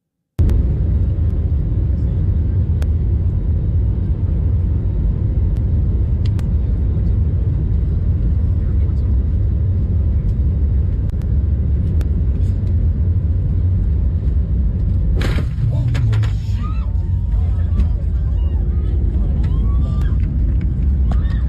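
In-cabin phone audio from a Frontier Airlines jet taking off in Denver: a steady, loud low engine rumble, then a sudden sharp smack at about fifteen seconds as the jet hits a man crossing the runway, followed by passengers' cries and screams over the continuing drone.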